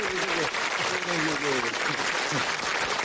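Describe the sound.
An audience claps steadily and loudly for a few seconds in a dense, continuous wash of applause, inviting a performer to sing, with a few voices faintly audible beneath it.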